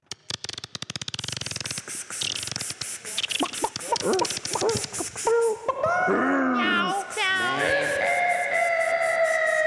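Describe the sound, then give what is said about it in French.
A short produced jingle introducing the show segment "Lenny McLean": a fast burst of rattling clicks gives way to warbling, bending tones and then steady sustained notes, loud with no talking. “Oh non. Jingle.”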